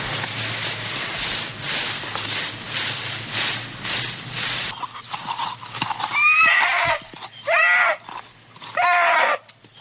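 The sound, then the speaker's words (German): A horse neighs loudly, giving a few shrill, wavering whinnies in quick succession. This follows several seconds of loud, rhythmic thudding that resembles galloping hooves. “Los, vor dringend hört man wieder das Wiehern.”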